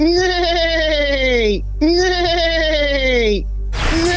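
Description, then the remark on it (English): A person imitates a horse's neigh for about three seconds as a quiz answer, with two long, loud, wavering vocal whinnies, each falling in pitch, separated by a brief pause, before a burst of noise cuts in at the end. “Give us 3 seconds of a horse neighing.”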